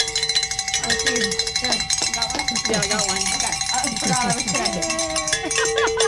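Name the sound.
bells being rung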